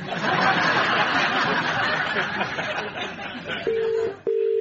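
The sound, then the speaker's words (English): A mobile phone call being placed: two short, steady ringing tones sound near the end, following a stretch of loud, dense background noise with some faint chuckling. “But they're great because you can phone up your best friend anytime, anywhere, and here...”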